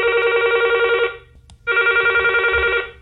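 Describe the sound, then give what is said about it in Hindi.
A telephone rings twice with an electronic trill, an incoming listener call to a radio phone-in programme, each ring lasting about a second with a short silent pause between them, loud, with a faint low hum underneath. “हमें इंतज़ार है आपके फ़ोन कॉल्स का।”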